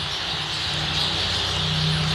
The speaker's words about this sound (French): alors, on peut même s'amuser à essayer de deviner les habitats qu'il a croisés dans sa vie et quels oiseaux il a côtoyés. Et ça peut varier en fonction des endroits, des pays, des arbres. Donc les tourneaux, c'est vraiment une boîte à musique, quoi.